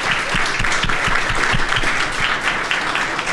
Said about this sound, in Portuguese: Então eu agradeço por tudo que vocês têm feito mesmo e peço uma salva de palmas pelos trabalhos que vocês estão executando.